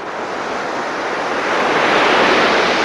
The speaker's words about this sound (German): Das Rauschen von Wellen. Wups, steht man mit am Strand, schaut über das weite Blau und schmeckt die salzige Luft auf den Lippen.